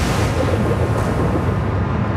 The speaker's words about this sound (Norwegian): Plutselig var vinden I nesten orkanstyrke, og havet kunne reise seg med enorme bølger som enten kollapset over skipenes dekk, eller I verste fall.